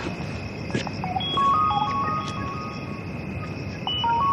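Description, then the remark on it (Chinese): A mobile phone rings with a call from the hospital, a short melodic electronic ringtone of a few stepped beeping notes heard over a steady background hum, with no one talking. “医院电话我接一下。”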